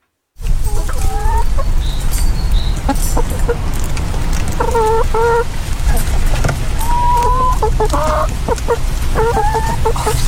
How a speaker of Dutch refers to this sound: Jongens, ik skip dit, maar ik heb wel, ik heb wel nog iets anders moois. Namelijk een geluid van een gelukkige kip.